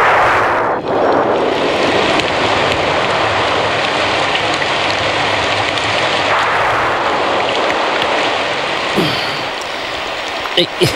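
Heavy rain pours down at night in a dense, steady hiss that holds loud and even throughout, with a few sharp drips or taps standing out near the end.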